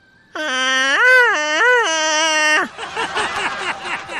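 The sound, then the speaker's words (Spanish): A long, loud Tarzan yell, as made famous by Johnny Weissmuller: a sustained, strongly harmonic cry that swoops up and down twice in a warbling ululation, then breaks off into a rougher, choppier tail for the final second and a half. “En lugar de entrar en pánico, lanzó el grito de Tarzán.”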